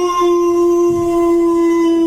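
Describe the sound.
A man's voice lets out a sustained, steady howl imitating a dog, held loud for about two seconds with a strong, even pitch.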